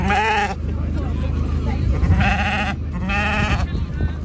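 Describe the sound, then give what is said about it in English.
A big, long champion Suffolk ram bleats three times, loud, quavering cries separated by short pauses, over a steady murmur of background noise that sounds like a busy outdoor show ground. “Your Suffolk ram certainly turned heads the day”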